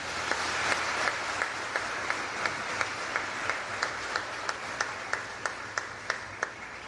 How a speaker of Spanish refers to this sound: Fuerte ese aplauso.